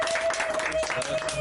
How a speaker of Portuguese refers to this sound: Assim. Palmas para ela.